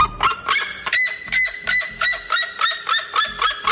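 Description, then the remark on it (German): A red-legged seriema calling: a loud, rapid series of harsh, honking yelps repeated in a steady rhythm, about ten notes in under four seconds, with no one talking. “So hört sich der Rotfuß-Seriema übrigens an.”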